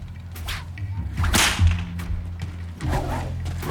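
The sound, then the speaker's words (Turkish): A whip cracks with a loud, sharp snap midway through, surrounded by a few softer swishing snaps over a low, steady rumble. No one speaks. “Haftanın her günü bunlardan birini şaklatıyordum.”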